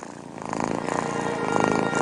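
A relaxed cat purrs steadily, a continuous low-frequency rumbling hum of about 20 to 140 hertz with a gentle pulsing rhythm that grows slightly louder toward the end, with no talking.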